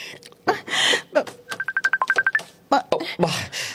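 A cellphone rings with a quick run of about ten short, bright electronic beeps, clear, while people talk just before and after it.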